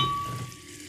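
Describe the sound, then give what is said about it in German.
A bottle of sparkling mineral water being opened, releasing a steady hiss of escaping carbonation that fades slightly over a second, with no voices. “Und dann öffne ich das Ganze und...”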